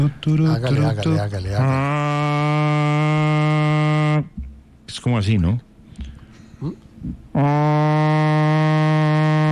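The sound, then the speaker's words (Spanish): A voice imitates the maritime siren of an approaching vessel with two long, steady, low droning blasts rich in harmonics, separated by a brief spoken exchange between people. “Y venía una embarcación y pusieron a sonar una famosa sirena marítima, ¿no?”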